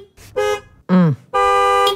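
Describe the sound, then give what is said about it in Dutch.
A car horn honks three times as someone departs by car, tooting to the company they just left: a short toot, a brief blast that sags in pitch, then a longer steady blare. No one speaks. “Rare gewoonte, schrijft hij, van mensen die vertrekken met de auto of de bromfiets om nog eens te toeteren.”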